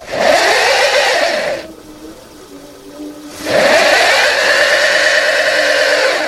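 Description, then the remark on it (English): A car engine revs hard in two loud, strained bursts separated by a brief lull, the whining pitch climbing as the wheels spin without grip, the car stuck in a snowbank after sliding off the road. “So now what? I gotta get the car back on the road.”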